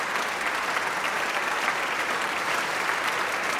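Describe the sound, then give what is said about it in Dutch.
Steady, sustained applause from a concert audience for the Nederlands Philharmonisch orchestra on a Monday evening as the orchestra members stand, a dense wash of many hands clapping at an even loudness throughout with no voices standing out. “Maar dit applaus houdt dan nog wel even aan.”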